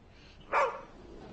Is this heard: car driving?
no